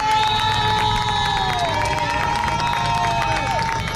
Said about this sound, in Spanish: Por este paseo, lo estáis escuchando, circulan continuamente policías, militares, servicio de limpieza y cuando les ven los aquí congregados, les aplauden.